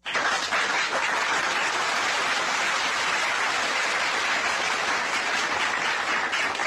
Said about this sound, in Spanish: Para ellos, aplausos.